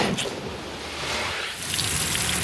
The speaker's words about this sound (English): Just outside Pfeiffer State Park, firefighters are fueling up trucks and hooking their hoses up to hydrants, sucking in thousands of gallons of water.